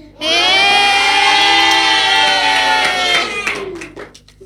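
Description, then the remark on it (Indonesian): A crowd of children cheers loudly together in a sustained high-pitched shout lasting several seconds, with scattered clapping underneath, then the voices break apart and fade into claps; applause for pupils of SD Salatul Ulama, Kota Palangkaraya, after their pantun performance at the Idola Indonesia event. “Tepuk tangan sekali lagi untuk teman-teman kita.”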